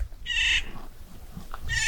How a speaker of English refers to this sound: It's not just a set of connections I might describe scientifically, but these trees and these birds right in front of me. Having a great time, it seemed like.